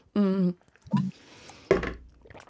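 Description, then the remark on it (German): A voice mimics a water balloon bursting, with water held in the mouth: a short hummed note, a wet gurgle, then a loud splashy burst with spluttering liquid sounds, fairly loud. “Wasser. Bombe.”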